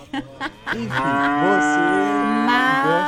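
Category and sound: animal, cattle mooing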